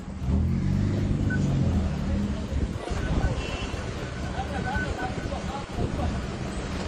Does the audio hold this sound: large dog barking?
no